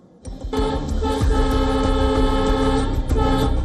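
A train rumbles loudly along the railway tracks while its horn blares in a long, steady, sustained blast. There is no talking.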